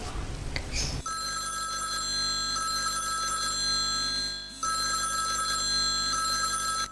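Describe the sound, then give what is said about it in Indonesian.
After a brief rustle, an outgoing phone call's ringback tone sounds: a steady, electronic ring that plays twice with a short pause between, clear, with no one talking. “tak telepon”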